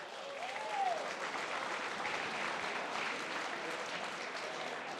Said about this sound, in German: Bravo, da tut sich einiges. Das ist ein Applaus wert.